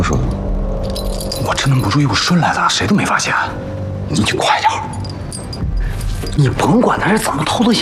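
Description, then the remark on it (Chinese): A bunch of keys jangles and clinks in bursts, mixed in with people talking over it for the whole stretch. “啊，对，我只能不注意，把钥匙偷回来了。快放你们出去，赶紧回家。”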